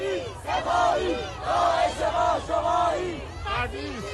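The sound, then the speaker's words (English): A large protest crowd in Fardis, a small city on the outskirts of Tehran, chants in loud, rhythmic unison, voices rising and falling in repeated shouted phrases with a strong, continuous presence throughout. “At 6:30 p.m., a crowd was just starting to form in Fardis, a small city on the outskirts of Tehran.”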